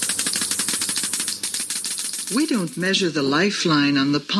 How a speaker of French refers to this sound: Elle le fait au moyen d'un compteur Geiger. It's done with a Geiger counter.